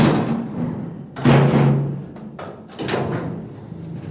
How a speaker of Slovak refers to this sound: Poriadne pribuchnite. Akurát. Dobre to poznám. Keby ste vy toľko dverami netrieskali, nemusel by som to väčšine dávať dokopy.